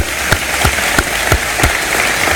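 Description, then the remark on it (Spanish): Steady, rhythmic applause from a crowd clapping in unison in tribute to Spain's World Cup-winning team, about three sharp beats per second over a dense wash of scattered clapping, fairly loud and with no voices. “Para ellos, nuestro aplauso y nuestro reconocimiento.”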